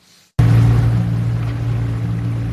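A boat motor on the Dead Sea suddenly kicks in after a moment of near silence, then holds a loud, steady low drone with a hum of water rushing beneath it, with no voices.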